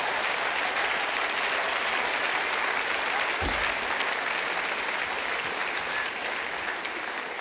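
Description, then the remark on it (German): A live audience claps steadily throughout, a dense, sustained wash of applause at even loudness with no voices standing out, with a brief low thump just past the midpoint. “Ja, klatsch ruhig, da kann ich auch sein, ne?”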